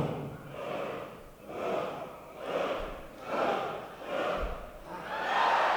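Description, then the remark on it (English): A large crowd makes low vocal noises with their mouths, swelling and fading in about five rhythmic waves, with no clear speech. “Okay, now this is make any low noise with your mouth, such as okay?”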